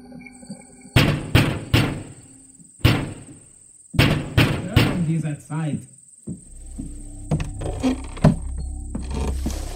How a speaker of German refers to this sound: Das Ziel lag nahe, so dass sie nach wenigen Minuten bereits vor der Tür Emidio standen und laut und vernehmlich klopften.